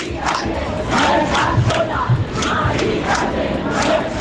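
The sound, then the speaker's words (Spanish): A large crowd of protesters in Madrid, between the Puerta del Sol and the Carrera de San Jerónimo near the Congress, protesting the eviction of an 87-year-old woman, shouts and chants together in a dense, continuous roar, with rhythmic surges of massed voices rising and falling over about four seconds. “Gritos que recorrían los 600 metros que separan la Puerta del Sol de la carrera de San Jerónimo.”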